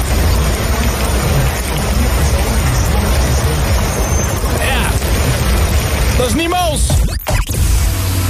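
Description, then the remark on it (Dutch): Thunder rumbles heavily and without pause over steady rain, a dense, loud low roar that fills the whole stretch, broken near the end by a couple of sharp cracking bursts. “Het is flinke herres in de lucht en op de grond momenteel.”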